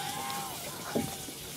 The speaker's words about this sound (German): Okay, Fehler gefunden. Die Dusche war die ganze Zeit an.